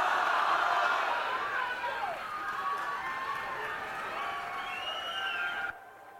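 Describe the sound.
A crowd cheers wildly, a dense roar of voices with shrill whistles rising and falling over applause, staying loud throughout before cutting off abruptly just before the end.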